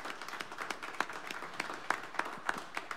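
An audience applauds steadily, many hands clapping in a dense, irregular patter with a few sharper claps standing out, sustained at a moderate level with no voices. The audience of the Blue Plate Special radio show gives one more round of applause to the performers of the first half of the show.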